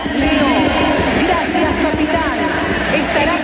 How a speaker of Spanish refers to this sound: es una cita marcada por homenajes, como el del minuto 10, cuando el amistoso se ha detenido para que el Estadio Monumental se pusiera en pie y dedicase una ovación al jugador albiceleste.